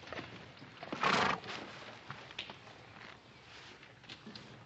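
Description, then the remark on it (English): A horse whinnies loudly once near the start, followed by soft hoof clops and shuffling movement, with no voices. “Oh, my horse lost a shoe ways back.”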